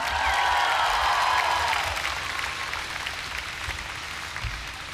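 A concert crowd applauds as the band members are introduced, steady, dense clapping, loud at first and gradually thinning a little as it continues, with no talking over it.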